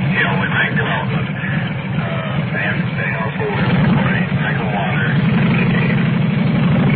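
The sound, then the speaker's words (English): A motor runs steadily throughout, a low, constant idling rumble with a slight rise midway. Muffled, indistinct voices sit faintly over the engine noise. “You probably could pick up part of that coming up over that motor.”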